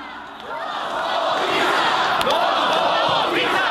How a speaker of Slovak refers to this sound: Březen 2018. V Bratislavě se po vraždě novináře Jána Kuciaka a jeho partnerky Martiny Kušnírové demonstruje za slušné Slovensko.